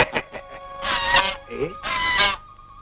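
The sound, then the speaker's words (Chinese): Geese set against each other by people in a goose fight, squabbling with a few short harsh calls followed by two long, loud, raspy honking bursts, noisy and agitated. “哎，又有人斗鹅了，我去看一看 啊。”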